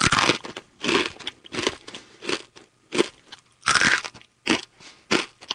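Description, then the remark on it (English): Loud crunching as a dry, brittle, salty protein cake is bitten and chewed, about eight sharp crackling bursts in an uneven rhythm with brief pauses between. No one speaks. “A year later, we were all eating three protein cakes a day. There was nothing else. Salty, crunchy, and bland.”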